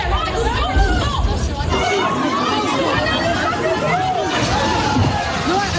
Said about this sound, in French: À l'ouverture, prévue à 8h, les portes se sont littéralement effondrées sous la pression de la foule. Des jeunes, des parents, des personnes âgées, tout le monde se rue à l'intérieur. Dans le Lidl d'Aubervilliers, en Seine-Saint-Denis